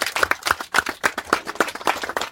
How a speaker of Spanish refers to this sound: Así que sean bienvenidos todos y bienvenidos a las bases y un fuerte aplauso para ustedes porque gracias a ustedes se ve todo este acto.